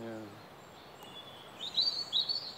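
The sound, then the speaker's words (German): Small birds living in old scaffolding holes in a wall chirp in quick, high-pitched bursts, a few bright calls clustering toward the end over a soft outdoor hiss; a brief snatch of a voice trails off at the very start. “Und die Löcher? Du kannst sie immer noch sehen. Jetzt leben Vögel drin.”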